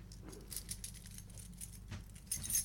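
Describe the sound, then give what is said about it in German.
A key for a Dresden apartment jangles close to the microphone in a steady run of bright metallic clinks and rattles, growing a little louder toward the end, with no voices. “Ich habe jetzt einen Schlüssel für eine Dresdner Wohnung.”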